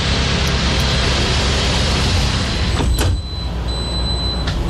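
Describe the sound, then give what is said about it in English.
The big sliding glass doors of a sleek vehicle resembling an all-electric delivery truck, on a manufacturing plant's floor, glide and thud shut over a steady engine hum, with a brief hiss and faint high-pitched tones after the closing. “It looks sleek, like one of Amazon's all-electric delivery trucks, except with big sliding glass doors.”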